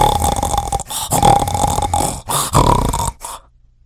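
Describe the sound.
A voice imitates a witch snoring loudly in several rough, rattling bursts, each breath drawn out and guttural, alone before it fades to quiet.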